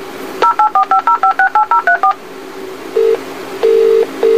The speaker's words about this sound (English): Do not worry. Your alarm telephone is dialing for assistance.